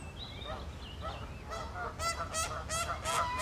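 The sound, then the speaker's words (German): Two domestic geese at a pond honk repeatedly in a noisy squabble over rank order, harsh calls growing louder and more frequent after the first second, over a low rumbling background with no talking. “Jetzt sieht man auch, dass die Hausgänse, die eine lässt sich da natürlich ein bisschen drauf ein und die zwei käbbeln, was dramatisch aussehen kann, aber nicht dramatisch ist.”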